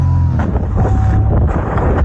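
A Cessna 172 small single-engine plane buzzes steadily as it swoops through a paragliding canopy, a loud, low droning hum with a faint higher whine, mixed with rushing wind noise throughout. No one speaks.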